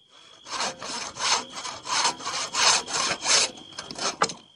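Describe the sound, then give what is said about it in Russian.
A hand saw cuts through a wooden post at night in steady back-and-forth strokes, about eight rasping pulls with a bright, gritty texture and a faint steady whine underneath, no voices. “Шум, производимый пилою, заставлял Ивана Ивановича поминутно оглядываться, но мысль об обиде возвращала бодрость.”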